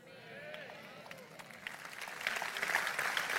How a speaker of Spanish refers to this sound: Si le vas a aplaudir, dáselo fuerte.